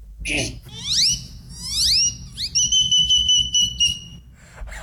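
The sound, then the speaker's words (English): A person whistles an imitation of a great-tailed grackle call: two rising, sweeping whistles followed by a series of sharp, steady high-pitched tones, loud over a low rumbling background. “Then I mimicked the great-tailed grackle and mimicked other birds from then.”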